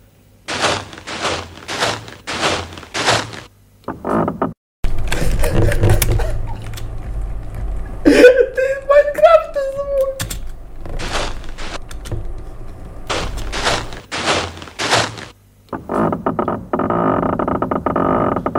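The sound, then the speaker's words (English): Computer-synthesized, electronically created tramping feet, not recordings: a steady run of sharp, rhythmic thuds, broken in the middle by a loud electronic creaking door that wavers and glides in pitch before the marching returns. “Remember those tramping feet and creaking doors?”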